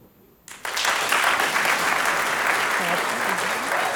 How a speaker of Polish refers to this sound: Dobrze, ćwiczymy te brawa, wspaniale.